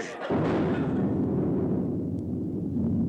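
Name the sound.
cannon fire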